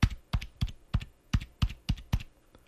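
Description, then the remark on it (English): Crisp clicks of four different computer keyboard keys, about nine separate strikes in an uneven rhythm, each a sharp tap with a brief low thud, and no voices. “That was four different keys.”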